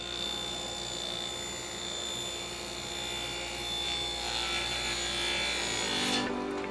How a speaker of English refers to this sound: The hum of circular saws gives life to this wood shop, housed in a corner of a St. Vincent de Paul thrift store in Fort Wayne, Indiana. A team of busy carpenters hard at work, transforming sheets of plywood and 2x4s into furniture.